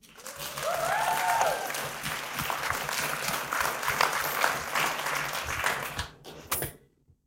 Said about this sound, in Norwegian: skal vi kjøre en klapp?